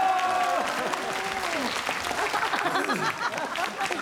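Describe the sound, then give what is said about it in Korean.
An audience applauds steadily for a performer about to act, a dense wash of clapping hands that holds at a fairly even loudness for several seconds, with a few voices and cheers rising over it. “박수 쳐 달라고 지금.”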